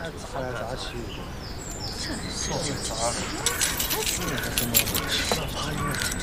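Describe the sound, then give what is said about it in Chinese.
A bunch of keys jangles and clinks in a quick burst of bright metallic rattling as the keys are handed over to a newly arrived colleague, with a low murmur of voices and room noise underneath. “把钥匙给新来的同志。”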